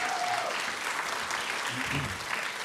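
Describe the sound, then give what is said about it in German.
A crowd claps enthusiastically in steady, dense applause that fills the whole moment, with a brief faint tone near the start and some murmuring voices underneath. “große Begeisterung schon im Publikum”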